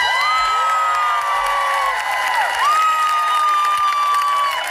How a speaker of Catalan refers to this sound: I això ho anunciava, com de fet ha fet durant tots aquests dies, com a portaveu la dona de Saïd Abu Keshek, anunciant aquesta multitud que es concentrava i que rebia amb aquesta alegria aquest anunci d'alliberament.